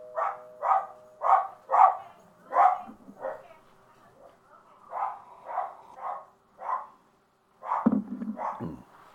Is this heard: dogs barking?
yes